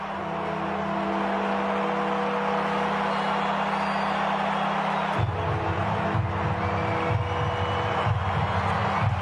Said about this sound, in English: This is what they call Warfy time. The bells are ringing, the crowd is generating a lot of noise, the flags are waving. They're within a straight kick here, Fremantle. Warfy time.